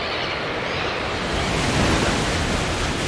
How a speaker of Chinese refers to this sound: 这里大海波涛汹涌